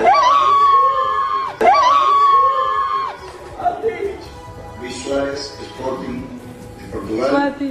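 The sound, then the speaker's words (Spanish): A woman, the partner of footballer Juan Camilo "El Cucho" Hernández, screams with excitement in two long, loud, high-pitched shrieks on hearing his name read in the list of called-up players, then breaks into excited, animated talking. “El grito de la dama es de su pareja.”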